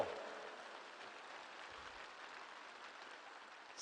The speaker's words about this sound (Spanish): Un aplauso a los que ya están sonriendo. Eso.